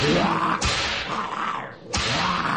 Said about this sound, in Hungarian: Végül suhintottam egyet a korbácsommal, és ők hajbókolva, hátrálva kivonultak.